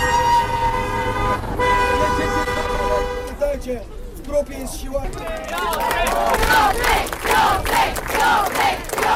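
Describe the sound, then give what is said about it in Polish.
Car horns blare in long sustained tones and short toots, then thousands of fans erupt in loud cheering and shouting outdoors on the outskirts of Gdańsk, Poland, welcoming Łatwogang, with honking continuing beneath the roar. “Już na przedmieściach przywitały go tysiące fanów.”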